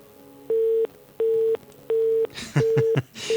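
A telephone busy tone after a phone call is cut off beeps in regular on-off pulses, four or five steady tones repeating at an even pace, with some background noise and clatter toward the end.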